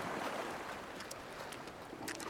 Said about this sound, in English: During the high tide, especially in winter, the water almost reaches our home and we can hear the waves splashing against the shore. The rhythmical movement of the waves always calms me down. Its sound makes me sleepy.